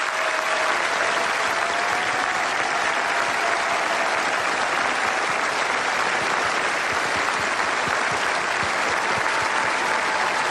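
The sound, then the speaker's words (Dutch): Thunderous applause from a vast stadium crowd of some 700,000 people, a dense, steady roar of countless clapping hands that stays loud and unbroken throughout, with no speech over it. “Een applaus van 700.000 mensen.”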